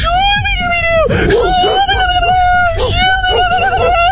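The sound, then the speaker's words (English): A dog howls in one long, sustained, steady-pitched wail lasting several seconds, loud, with a slight dip midway and murmuring voices underneath, as a prankster pets a man's dog. “A TikTok prankster makes a man instantly regret letting him pet his dog.”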